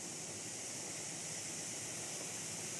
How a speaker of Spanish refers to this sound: Ya estamos escuchando aquí que nuestra sartén ya está empezando a cocinar por fin.